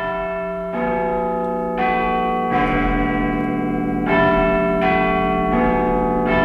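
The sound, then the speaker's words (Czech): The large bells of the Clock Tower (Big Ben) in London chime a slow melody, each deep, resonant strike arriving about once a second and ringing on with long overlapping hums. Loud and full, with no voices. “Takhle nějak to zní, když se všechny ty zvony rozezní.”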